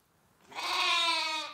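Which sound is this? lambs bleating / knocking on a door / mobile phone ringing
lambs bleating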